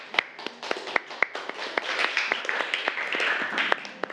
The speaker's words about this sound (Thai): เก่งมากปรบมือให้กลุ่มหนึ่งค่ะ